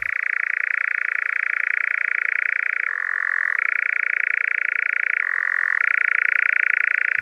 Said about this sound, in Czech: To je cvrčení lelka lesního. Pro mě je tohleto zvíře a tenhle ten hlas spojen s borkovickými blaty u Veselí nad Lužnicí, kam jsme je jezdili před mnoha a mnoha lety poslouchat s tátou